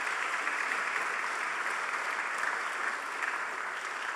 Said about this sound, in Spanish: Un aplauso para él.